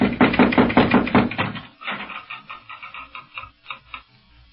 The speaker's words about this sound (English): No, but here, let me knock.